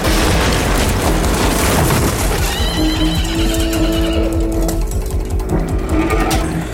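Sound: horse galloping and neighing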